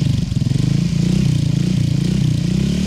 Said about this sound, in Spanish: Voy a prender la moto mientras tanto. Bla, bla, bla. Ahí la voy prendiendo, listo, hágale.